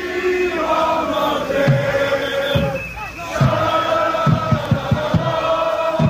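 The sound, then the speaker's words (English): More than 1,000 Morocco football fans in a downtown park chant 'Dima Maghreb' loudly and steadily in unison, while fireworks they set off burst in sharp bangs through the singing, clustering into a rapid run near the end. “More than 1,000 Morocco fans setting off fireworks and chanting Dima Maghreb, always Morocco, as they sang and danced.”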